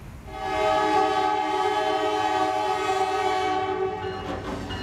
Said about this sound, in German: Gerade blockiert ein Zug mit an die 100 Waggons für Minuten alle Übergänge.